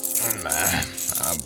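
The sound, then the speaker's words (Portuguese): A bunch of keys, of the kind meant for radio dramas, rattles and jingles steadily for about a second and a half, with bright metallic clinks as a door is unlocked in a radio drama scene, over a faint low hum. “Sampaio Rodapé pega numa chamuça pontiaguda para se defender no caso de ser atacado e abre a porta com um molho de chaves próprio para rádio novelas.”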